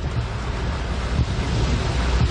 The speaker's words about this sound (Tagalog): Sinabayan naman ng malakas na hangin ang malakas na ulan sa 9th Avenue sa Caloocan sa parehong oras.